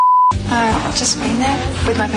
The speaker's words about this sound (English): Everyone's trying to identify what the beeped out word is from Harold Bishop.